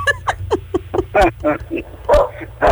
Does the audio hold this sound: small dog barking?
yes